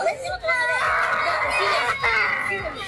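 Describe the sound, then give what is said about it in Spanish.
Loud, high-pitched screaming and shouting from several voices at a doll giveaway in Peru, overlapping into a constant din that runs the whole time with almost no pause. “Bueno, se sienten gritos, se siente de todo.”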